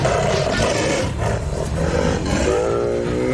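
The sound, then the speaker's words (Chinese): A male Bengal tiger, Matkasur, roars and snarls while confronting a sloth bear mother, loud and continuous, deep rasping growls swelling into throaty harmonic bellows with no pause and no voices. “懒熊妈妈挺起身子，让自己看起来尽量高大一些，面对实力强劲的雄性孟加拉虎，它生还的概率微乎其微。”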